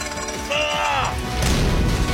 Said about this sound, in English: Give me a little push. Let's push this megalodon of a door to slam shut behind us.